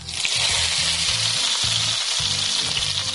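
Steady, loud sizzling of filled potato dumplings frying in hot olive oil in a pan, a continuous crackle with faint low clinks underneath, with no one speaking.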